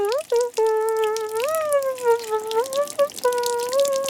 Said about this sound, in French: Il prend une douche. Il se frotte les poils.